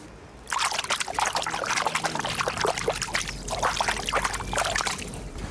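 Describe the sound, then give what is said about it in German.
Water of the Krähenteich pond in Lübeck laps and trickles along the shore in a continuous, bright splashing and dribbling, with irregular bursts of gurgling swirls rising and falling throughout, steady in loudness and with no voices. “So klingt der Krähenteich und ich weiß auch, was er gerade gesagt hat.”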